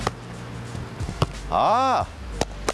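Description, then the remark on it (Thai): A football is kicked hard several times as firm passes to a teammate standing far away, during a football passing lesson, each strike a sharp thud spaced out across the moment, with a short rising-and-falling vocal sound in between. “ถ้าเพื่อนอยู่ระยะไกลทีนี้เราต้องเพิ่มน้ำหนักในการส่งกระแทกไปคนนี้ก่อนนะตบปุ๊บ”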